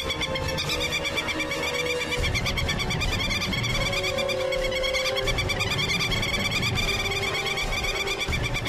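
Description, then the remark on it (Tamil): A dense chorus of calls from birds approaching to attack, having come near; many shrill repeated cries overlapping continuously at a steady, fairly loud level, with a low rumbling background underneath and no one speaking. “அந்த பறவைங்கெல்லாம் நம்மள தாக்க தான் வந்துட்டு இருக்குதுங்க. கிட்ட வந்துருச்சுங்க.”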